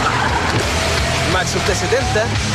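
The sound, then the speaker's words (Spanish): A Maxus T70 pickup truck's 2.5-litre turbodiesel engine rumbles steadily and loudly as it drives by, a continuous low drone throughout, with indistinct voices talking over it. “Ya llegó la nueva Maxus T70 con motor 2.5 litros turbodiesel, 221 caballos de fuerza, hasta 1130 kilos de capacidad de carga y garantía de por vida en tren motriz.”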